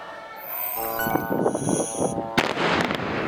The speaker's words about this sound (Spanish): Es una de las explosiones que han sacudido el sur del Líbano este sábado. Allí el ejército israelí sigue bombardeando poblaciones como esta a pesar de la tregua.